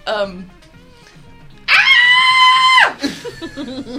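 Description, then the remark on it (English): A voice imitates the Jawas' shrill, high-pitched victory yell "Utini!", one loud sustained cry lasting about a second, with softer chatter and laughter around it. “In victory. They yell, Utini!”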